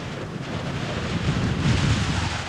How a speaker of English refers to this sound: even as the wind bore down more viciously upon them.